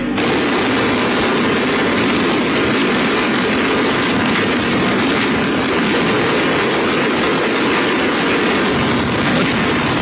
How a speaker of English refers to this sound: Those are all gunshots. Those are gunshots in there.